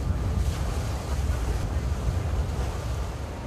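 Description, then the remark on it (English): Steady, loud rumble of a boat, once used to ferry prisoners to and from Robben Island, crossing open sea from Cape Town, with wind buffeting the microphone and the wash of waves continuing throughout, no voices present. “We're on a boat that was once used to ferry prisoners to and from the notorious Robben Island.”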